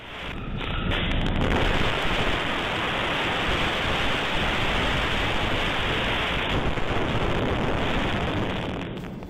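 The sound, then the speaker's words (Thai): A steady, loud roar of heavy rain mixed with strong gusting wind buffeting the microphone during a storm in Pathum Thani, Thailand, continuous throughout with no voices, the dense hiss filling the whole clip. “แล้วมันไม่ใช่แค่ฝนสิ่งที่มามาคือลม ดูสิ ลมแรงมาก”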